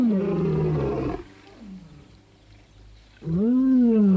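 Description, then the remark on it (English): Two deep, powerful roars from two male lions, one right after another with a quieter grunting pause between them, loud with strong low rumbling harmonics and no talking. “A lion's roar can travel more than 3 miles.”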